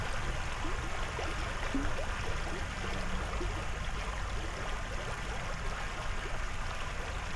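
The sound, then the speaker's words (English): A babbling brook in Berea runs steadily throughout, its continuous rushing and trickling water forming an even, unbroken wash of sound at a moderate, fairly soft level with no voices. “A babbling brook in Berea.”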